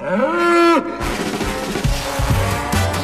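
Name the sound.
bull bellowing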